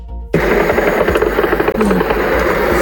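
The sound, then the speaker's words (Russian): After a split second of near quiet, the loud, steady engine drone of an attack drone striking a Wildberries warehouse in Bashkortostan kicks in abruptly and roars on overhead without a break, with no voices. “Дрон разнесли склад в Башкортостане.”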